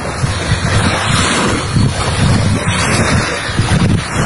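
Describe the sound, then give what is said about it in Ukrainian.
Steady wind buffets the microphone while waves wash and surge along an empty beach on the Mariupol embankment in mid-June, a constant loud rush with rolling low swells and no voices. “От такий пляж наш сьогодні.”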